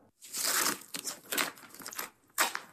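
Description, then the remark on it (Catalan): A roll of extra-strong duct tape is torn: one long, harsh, crackling tear followed by several shorter rasping pulls, with brief pauses between them and no voices. The tape is used to seal a crack in an eighteenth-century musical instrument. “Tinc un rotllo de cinta americana extrafort a la motxilla.”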